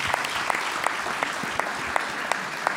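An audience applauds steadily, a dense wash of clapping with a few sharper claps landing in a regular, even rhythm. The level holds constant throughout, with no voices.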